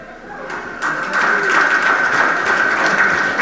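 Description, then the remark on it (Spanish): A crowd claps steadily, the dense crackling applause swelling after a brief quieter start and then holding loud and continuous, with no speech over it. “Fuerte los aplausos.”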